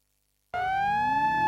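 After a moment of silence, a siren cuts in abruptly, holding a loud, steady wailing tone that climbs slightly in pitch, with no voices.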